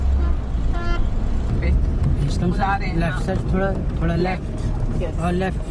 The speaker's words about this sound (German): Hier fährt sie Auto. Auf einem leeren Parkplatz.